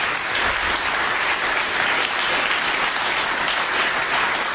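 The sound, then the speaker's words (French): An audience at a concert at the Alliance Française applauds steadily, a dense, continuous wash of many hands clapping at an even, fairly loud level throughout, with no voices standing out. “j'aimerais tout simplement que vous les applaudissiez encore”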